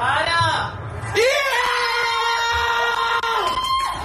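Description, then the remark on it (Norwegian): Several family members scream and shout in excited celebration of the first goal, scored by Nusa, in a football match they are watching. The screams are loud, with high sustained yells rising and falling over a few seconds amid general cheering. “Det grei skriking der også”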